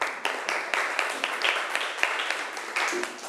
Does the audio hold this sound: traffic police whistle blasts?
no